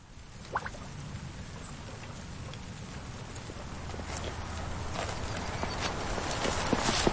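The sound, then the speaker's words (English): Steady rain hisses over a farmyard at Rock Bottom Ranch, a site of livestock and vegetable production, while hooves clop on the ground in an uneven rhythm, with occasional sharper knocks. The patter grows slightly louder toward the end. “The rainy sounds of livestock and vegetable production at Rock Bottom Ranch.”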